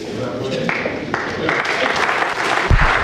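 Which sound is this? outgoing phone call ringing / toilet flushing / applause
applause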